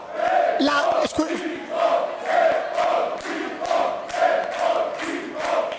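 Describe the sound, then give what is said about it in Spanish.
Alcoy football supporters shout and cheer together for their team in a steady, rhythmic chant, their voices rising and falling in repeated swells with occasional sharp claps or thumps. “Y ahí están los de Alcoy gritando, orgullosos de su equipo.”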